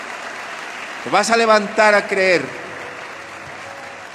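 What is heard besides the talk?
audience applauding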